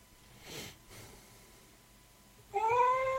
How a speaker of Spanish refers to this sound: Y bueno, les voy a mostrar la grabación de mi gata contestándome cuando yo le decía, por favor, déjame dormir. Escuchen, atentos, ¿eh?